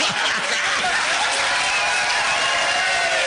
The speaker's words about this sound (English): By the way, that just means the applause sign was turned on.